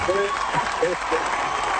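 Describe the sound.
An audience claps steadily throughout, a dense, even patter of many hands, while a voice briefly speaks over the applause.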